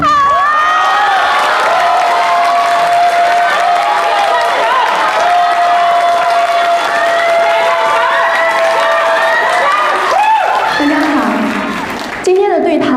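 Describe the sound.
An audience applauds and cheers loudly to welcome a guest onto the stage for a conversation segment, a dense, steady wash of clapping and shouting voices with a sustained tone running through it, lasting about twelve seconds before easing off at the end.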